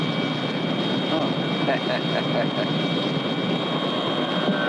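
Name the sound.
helicopter flying nearby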